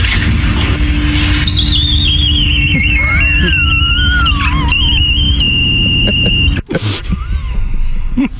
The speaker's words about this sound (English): Now, this is a glass door, and when it shuts, so it makes a different sound.